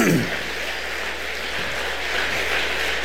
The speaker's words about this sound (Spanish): Denle un aplauso al Rey de la Gloria, por favor. Alabamos a Dios.